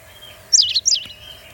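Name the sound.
white wagtail call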